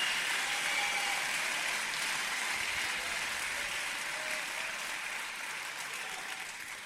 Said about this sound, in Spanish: No te dé miedo de aplaudir si es que el Señor te está abriendo los ojos para...